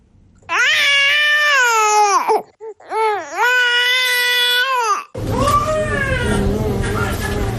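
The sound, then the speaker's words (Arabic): An infant cries loudly to be breastfed: two long, rising-and-falling wails with a brief catch between them, then a third, harsher cry over a noisier background. “هذا الصوت يؤكد للأم رغبة الطفل وحوجته إلى الرضاعة”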